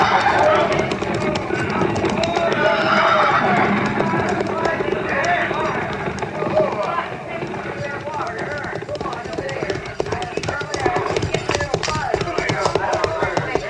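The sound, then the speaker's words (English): A busy mass of cavalry horses' hooves clip-clopping over one another as the troop slows and halts at a creek to water the stock, steady and fairly loud throughout, with occasional horse whinnies and indistinct voices mixed into the din. “Tell the men to dismount and unsaddle, pin Grayson water.”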